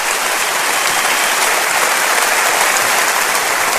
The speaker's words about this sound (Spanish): Y él está sentado acá. Dele un aplauso a Cristo, por favor.